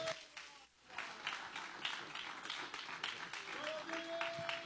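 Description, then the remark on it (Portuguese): A church audience applauds together in sustained, dense clapping, welcoming the pastor with applause for Jesus, with some tonal hum or music faintly underneath and no one speaking clearly. “Recebemos o anjo da igreja com aplausos para Jesus bem forte.”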